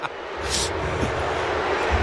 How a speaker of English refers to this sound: A pretty underwhelming boo from Eden Park, yeah.